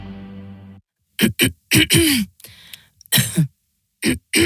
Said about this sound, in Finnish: Hei, älä suotta köhi. Ota Kellorevoise. Tämä on erilainen kurkkutabletti.